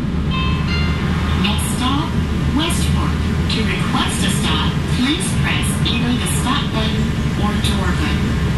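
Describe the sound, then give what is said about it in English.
A streetcar tram rumbles steadily along Main Street in Kansas City, a loud continuous low drone with squeals and metallic chirps from the wheels and rails, with indistinct voices mixed in. “Kansas City now has a streetcar. Free to ride, these trams run some 10 kilometers down Main Street, from the trendy River Market District with its restaurants and bars, to the art galleries”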